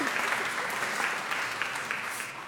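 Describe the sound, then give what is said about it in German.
An audience claps steadily, a dense wash of many hands at even loudness that thins slightly toward the end. “ja, ihr könnt gerne, ne, klatschen, wenn ihr wollt.”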